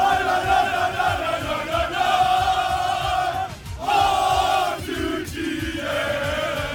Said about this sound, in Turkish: Sadece San Francisco sokakları değil, ABD'ye giden uçaklarda da milli takım coşkusu yaşandı. Uçak içinde taraftarlar tezahüratlar yaptı.